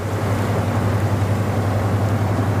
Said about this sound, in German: und der Lastkahn vorbeigetuckert ist, dann weiß man, warum es am Rhein so schön ist.